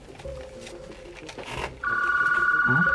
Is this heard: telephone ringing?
yes